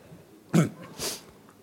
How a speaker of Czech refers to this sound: Smrkneme, takže...